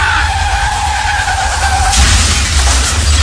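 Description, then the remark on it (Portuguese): A car that will not stop after a brake pad adjustment: its tires screech in a long, loud skid with a deep engine rumble underneath, the squeal breaking into a harsher scraping burst near the end. No one speaks. “Peraí, mas não tá funcionando, o carro não quer parar! O carro não quer parar!”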